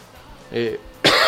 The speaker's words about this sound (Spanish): ahí, que me da la tos.